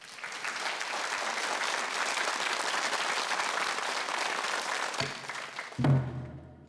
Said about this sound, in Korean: 자, 이번에는 첫 번째 그 시간으로 여성 민요그룹 …의 창작 판소리 나 아줌씨 이야기를 준비했는데요. 여러분 큰 박수로 무대를 열어주시기 바랍니다.